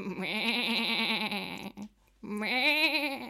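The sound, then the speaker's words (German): Two loud, wavering sheep bleats in an old barn, the first long and quavering, then a short pause before a second strained bleat, with a slightly roomy, enclosed sound. “Die Schafe in der Scheune mähen ihm einen guten Morgen zu.”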